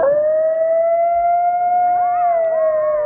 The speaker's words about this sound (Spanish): Los lobos. No. No es un lobo. Coyote. Sí, señor. Un coyote.